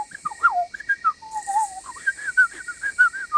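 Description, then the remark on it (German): A small bird, Pieps, perched on its friend's shoulder, twitters loudly into his ear in a quick, unbroken run of short whistled chirps that slide up and down in pitch, with no voices. “Er flattert hinab, setzt sich auf die Schulter seines Freundes und zwitschert ihm laut ins Ohr.”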